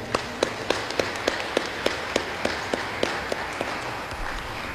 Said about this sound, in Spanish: Démosle un aplauso a ella.